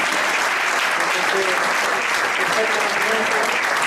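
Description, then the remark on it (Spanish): Sustained audience applause, a dense and steady wash of clapping that holds at an even, fairly loud level throughout, with faint voices murmuring underneath. “Así que me gustaría que le diéramos un aplauso.”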